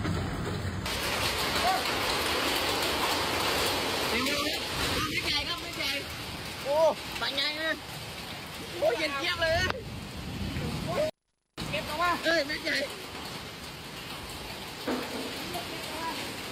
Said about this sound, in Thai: หลังจากฝนตกน้ำท่วมตอนนี้ฝนตกหนักมีลูกเห็บ